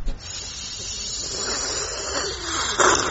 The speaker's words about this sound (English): It is an old kettle. We have to keep the button depressed throughout the boiling process.